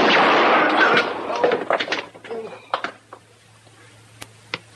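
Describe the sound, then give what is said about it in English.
A loud, sharp gunshot bursts out, hitting a gun, and rings off into a long decay, followed by a scatter of brief metallic clanks and clicks that thin out over a low steady hum. “I hit the gun.”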